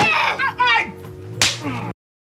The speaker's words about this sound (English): That was one hell of a slap across the face.